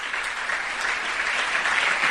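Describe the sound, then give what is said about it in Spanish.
Sustained applause from a crowd during a sermon on prayer, given for God, a dense, steady wash of clapping that holds at a fairly loud level for about two seconds with no voices standing out. “Si ese aplauso es para él, de lo más fuerte.”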